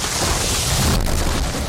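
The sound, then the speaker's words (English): A tree being cut down in a yard crashes down onto a car. It is a loud, dense roar of snapping and rumbling with a sharp heavy impact about midway, lasting under two seconds with no voices. “My yard guy said he could cut down this tree, but now I've got a tree on my car.”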